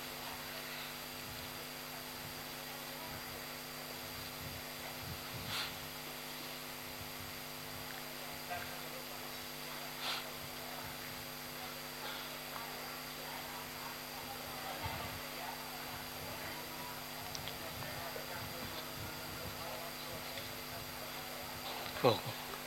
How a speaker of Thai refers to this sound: ปิดพัดลมเนาะ